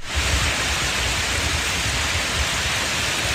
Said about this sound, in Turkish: Edirne'de şiddetli yağış sele yol açtı.